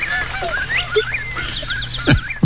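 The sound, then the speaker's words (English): A white-tailed hawk calls with high, sweeping cries, then a quick run of repeated descending notes, fairly loud over a low steady hum, with no one talking. “My guess is a white-tailed hawk. I think you're exactly right.”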